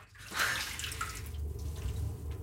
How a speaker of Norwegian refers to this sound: Så vi legger rapporten i vasken og heller varmt vann over papirene.